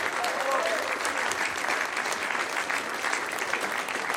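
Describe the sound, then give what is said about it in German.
A crowd applauds a new trio of singers and musicians at the Traudi-Mix on the BR Heimatbühne, a dense, even wash of clapping that holds at a constant level for several seconds without pause. “Nochmal Applaus für unsere drei wunderbaren Sängerinnen und Sänger und Musikantinnen und Musikanten.”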